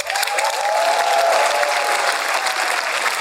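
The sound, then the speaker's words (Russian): An audience breaks into steady, dense applause, the clapping sustained at an even loudness for a few seconds with a faint murmur of the crowd underneath. “Невероятно, мне на работе 0 раз аплодировали после этих слов.”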